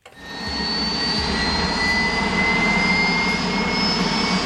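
A white helicopter of the Spanish armed forces: its engine swells up quickly and then holds a loud, steady roar with a high turbine whine that slowly climbs in pitch as it lifts off into a blue sky at the Valley of the Fallen basilica, leaving behind a 152-metre freestanding grey concrete cross.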